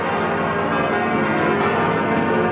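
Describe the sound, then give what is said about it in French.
The large bells of Notre-Dame cathedral ring out continuously, their deep overlapping tones and rich shimmering overtones blending into a loud, sustained peal with no talking. “On va entendre les cloches de Notre-Dame.”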